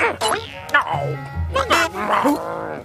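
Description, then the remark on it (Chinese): A pack of crazed dogs chasing the character Huimao (Grey Fur) barks and yelps excitedly in quick, overlapping bursts, loud and frantic, with a low rumbling undertone. “一群发疯的狗在追灰毛，要是被追到了，灰毛就完了。”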